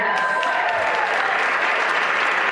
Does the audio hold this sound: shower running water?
no